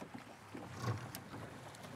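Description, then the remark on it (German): A small boat motor, started by pressing a safety button, sputters to life with a low, uneven puttering rumble, fairly quiet and steady, with a faint wash of water and wind behind it and no voices. “Dann pupst das Boot? Genau, dann pupst es und du fährst los.”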